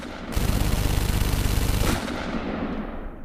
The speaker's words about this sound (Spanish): Son abatidos con una nueva ráfaga de disparos.